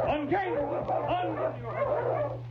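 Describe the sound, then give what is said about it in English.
Several dogs bark and yip in a busy, overlapping chorus that continues without pause, moderately loud, over a steady low hum. “That means less work for King, doesn't it?”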